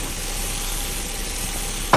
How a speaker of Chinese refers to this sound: 哎呀，鱼糊了。